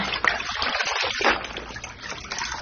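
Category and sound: household object, water splashing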